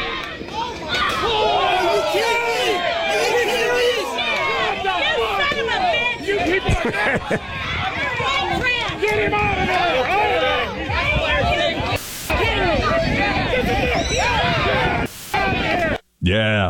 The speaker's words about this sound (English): And so this is the response, by the way. You can hear people in the crowd.